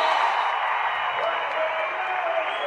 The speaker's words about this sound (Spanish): Invitamos al creador de esta canción, a …. Un aplauso grande.